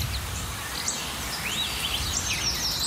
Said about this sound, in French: Je vous le disais, ils gazouillent, les petits oiseaux, ce matin.